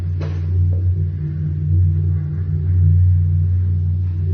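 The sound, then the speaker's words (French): A boat passes overhead, heard from a circular, pipe-like corridor beneath a stage, as a heavy, steady low rumble with droning engine tones that swell slightly and ease off, plus a brief click near the start. No one speaks. “C'est un bateau qui vient de passer au-dessus.”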